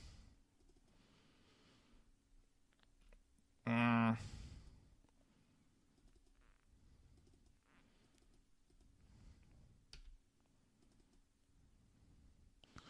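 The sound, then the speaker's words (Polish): Soft, scattered computer clicks and key taps as someone clicks to change the music, interrupted early on by a brief, loud burst of electronic sound with a quick falling tone. “Ja tą muzykę chcę zmienić. Klikam i to...”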